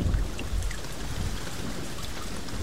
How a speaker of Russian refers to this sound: Дождь превратился в ливень, могучий, как ураган пустыни. Мертвое море, моавитские скалы, стан осаждающих, небо и земля — все исчезло в потоках воды, хлынувших с неба. Казалось, на облаках своих небо носило целые океаны.